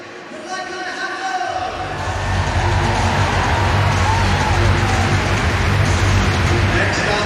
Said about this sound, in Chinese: 考德里和穆恩这样的世界名将，在场地下雨的时候，也许心里会有一定的波动和影响，但是下雨对于所有选手来说呢，都是一样的。